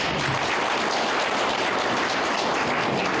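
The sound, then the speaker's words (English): Steady applause from a large audience for young people who did substantial road work, a dense, continuous crackle of many hands clapping at once, sustained at even loudness throughout with no voices on top. “And I can only applaud our young people that we always used to say our young people are not ready for hard work, but they have proven us wrong and they deserve a round of applause.”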